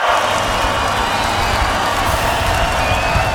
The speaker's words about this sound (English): we'll just listen to the crowd enjoying the end of …